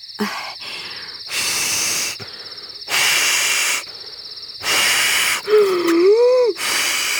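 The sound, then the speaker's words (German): Someone blows up a balloon marked with many small dots that stand for galaxies, in four long, forceful puffs with short pauses between, and the stretched rubber lets out a wavering squeak near the end. A faint high whine runs throughout. “blas mal auf”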